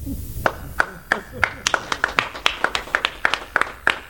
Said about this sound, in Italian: Mi ricordo quella volta quando chiesi troppo lunga, non ci fu risposta, ma solo un lungo applauso.